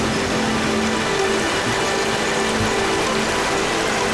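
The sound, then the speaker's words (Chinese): A steady, dense roar of rushing water fills the whole clip, loud and continuous: a mountain waterfall pouring down with plentiful water just after rain, in the Huanggang Mountain area at over 1,200 metres altitude, with no voices. “山中的天气反复无常，在黄岗山区域海拔1200多米的地方，雨水刚过，瀑布飞流而下，水量充裕。”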